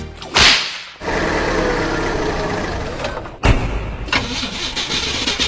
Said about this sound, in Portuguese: Ih, rapaz, não é de ver que o carro tá falhando? Falhando? Onde você abasteceu esse carro, criatura?